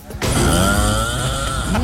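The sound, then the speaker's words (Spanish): A loud, heavy snore rasps continuously for over a second and a half, rough with a buzzing, almost engine-like rattle, starting abruptly after a brief quiet moment. “Está roncando, se le metió el diablo.”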